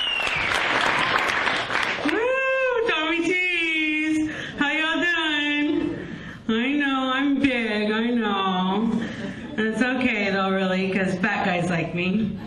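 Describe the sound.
An audience applauds steadily for the first comedian coming up, a dense wash of clapping that opens alone, then a loud voice talks and calls out over the continuing applause.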